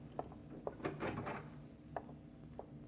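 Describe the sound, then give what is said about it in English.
A door is opened quietly: a few soft latch clicks, a brief scraping rattle as it swings, then a couple more light knocks. No voices. “All right, open the door, open the door.”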